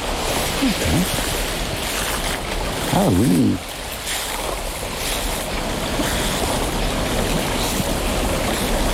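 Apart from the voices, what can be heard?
small stream flowing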